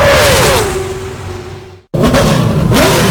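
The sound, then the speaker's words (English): A loud NASCAR race car engine roars with a slowly falling pitch, cuts out abruptly for a split second, then bursts back in at full volume, revving again. “Ready to rev your engines, NASCAR fans.”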